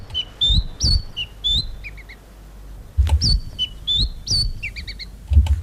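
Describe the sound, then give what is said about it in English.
A black robin sings two clear, repeated phrases of bright whistled notes, each ending in a quick stuttering trill, with soft low thumps in the background and no talking. “The Black Robin soars over the rest.”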